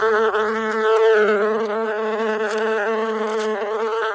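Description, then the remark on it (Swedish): A steady, low-pitched bumblebee buzz drones on without a break, its harmonic hum wavering slightly in pitch and loudness, with no voices. “Vid universitetet i finska Uleåborg lärde forskare humlor i labbet att söka sig till låtsasblommor, blåa cirklar med sockerlösning i.”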